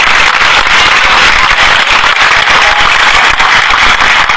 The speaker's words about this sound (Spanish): Están con nosotros los abanderados y escoltas, el aplauso para ellos que portan bandera nacional, bandera provincial e institucional de Fiesta Nacional de la Flor.